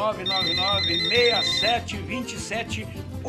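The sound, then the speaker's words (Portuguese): A telephone rings with a steady high electronic trill through the first half, loud, while voices and other busy sound continue underneath throughout. “O telefone está tocando e eu já vou correr e atender, né?”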